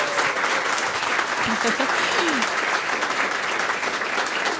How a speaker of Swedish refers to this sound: Vi kan väl ge dem en applåd också.